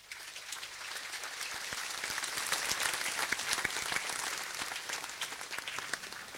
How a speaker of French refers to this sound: Merci à vous, diacres, religieux et religieuses de toute congrégation présents avec nous aujourd'hui. Pouvons les applaudir.